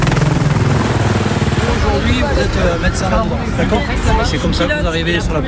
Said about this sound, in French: Et pour mettre dans l'ambiance, juste à côté, l'hélicoptère de la gendarmerie qui vient de faire une démonstration d'élitreuillage décolle.